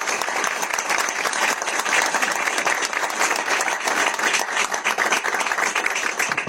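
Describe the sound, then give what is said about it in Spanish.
An audience applauds steadily for the chamber's own staff, a dense wash of many hands clapping at once, fairly loud, sustained without a break and with no voices rising above it. “La verdad que pido un aplauso para ellos porque se lo merecen.”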